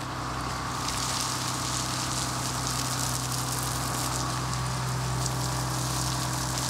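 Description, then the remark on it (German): Artificial rain from a film-set rain pump pours in a steady, dense hiss that never lets up, over a constant low mechanical hum from the pump motor, as it rains down on actors and extras in cars. No one speaks. “Gut, das bedeutet, wir werden als nächstes eine Regenpumpe machen.”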